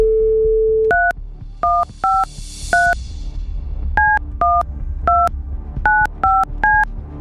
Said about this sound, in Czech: už se nahýbám k našemu studiovému telefonu, abych vytočil telefonní číslo, které na té SMS-ce stojí.